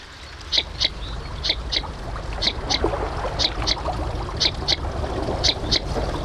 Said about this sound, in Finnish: pääsemme kuulemaan nyt viikon luontoäänen. Se on lapasorsa